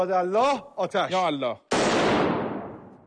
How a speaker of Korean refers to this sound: 이란 국영TV에선 뉴스 진행 도중 아랍에미리트 국기를 향해 총까지 발사했습니다.